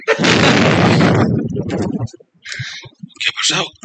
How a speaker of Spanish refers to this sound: ¿a qué le debéis estas explosiones?